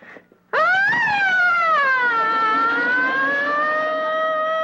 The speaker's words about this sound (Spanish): ¡Puse la sirena de carro de bomberos!